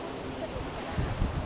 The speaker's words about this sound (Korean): 막상 발 아래 태평양의 거친 파도를 두니 정말 공포스러운데요. 이 파도가 저를 막 덮칠 것 같습니다.